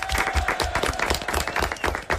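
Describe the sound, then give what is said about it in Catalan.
Loud applause from a crowd, dense overlapping claps sustained steadily throughout with no pauses. “Molt bé, fort aplaudiment.”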